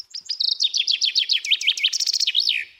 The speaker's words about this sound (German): Der Buchfink, ebenfalls ein Waldbewohner, hat vor allem in den tieferen Lagen abgenommen. Die Gründe dafür sind nicht so ganz klar. Wir stellen das einfach fest in unseren Monitorings, dass der Buchfink seltener wird.